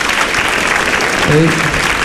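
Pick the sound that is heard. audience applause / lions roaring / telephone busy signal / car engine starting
audience applause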